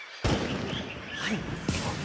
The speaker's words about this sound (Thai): สงสัยมีคนเข้าไปล่าสัตว์ฉันได้ยินเสียงปืนหลายนัดแล้วอะ อีกแล้วเหรอเดี๋ยวข้าจะโทรแจ้งเจ้าหน้าที่กรมอุทยานให้รีบเข้าไปดู